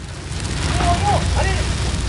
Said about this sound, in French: Les flammes crépitaient autour d'elle.